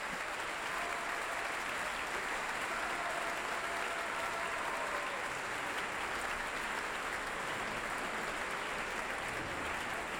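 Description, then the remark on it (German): Sustained applause from a large concert audience calling conductor Esa-Pekka Salonen back onto the stage, a dense steady clatter of many hands clapping at an even level throughout, with no voices standing out. “Es gibt immer einige im Publikum, die den Dirigenten dann noch einmal auf die Bühne bitten.”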